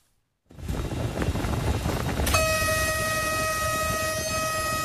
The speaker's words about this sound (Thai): ชุดสืบสวนคลี่คลายคดีร่วมกับเจ้าหน้าที่การรถไฟจำลองสถานการณ์จริงเมื่อวานนะคะการจำลองสถานการณ์นี้ทำด้วยหัวรถจักรและขบวนรถไฟโดยสารค่ะ